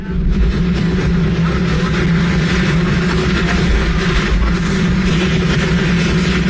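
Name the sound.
helicopter noise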